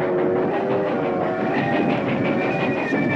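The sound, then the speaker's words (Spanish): A train rolls onto a bridge with a loud, continuous rumble and rhythmic clatter, overlaid by sustained metallic ringing tones. No voices are heard. “El tren entra en el puente.”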